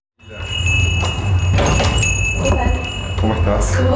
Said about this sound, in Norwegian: går inn døren til den venezuelanske restauranten i sentrum av Buenos Aires.